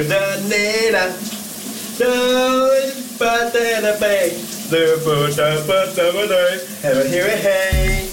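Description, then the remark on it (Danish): A man sings a well-known Danish hit song in short phrases while a shower runs steadily around him, the hiss of spraying water filling the background. “Du kan lige nå at lege med, hvis du ikke har hørt dagens brusebadshit.”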